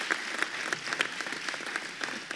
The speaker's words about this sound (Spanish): Fuerte aplauso a Dios. Toda gloria y honra para Él.